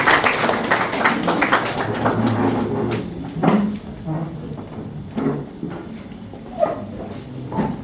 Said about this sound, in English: Please may we clap for her, she comes to do this.